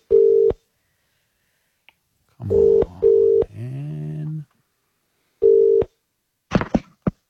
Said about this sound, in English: Lucky listener. Everybody look at your phones now. We are calling one of you.